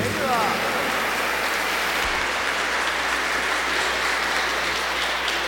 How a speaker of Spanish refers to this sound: Un aplauso para nuestra Madre. ¡Que viva la Virgen del Quinche!